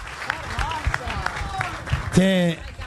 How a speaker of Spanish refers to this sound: así que les quiero agradecer de corazón y les pido, si me ayudan, un aplauso a todos. Gracias de corazón. Gracias de corazón.